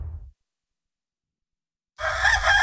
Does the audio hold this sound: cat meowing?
no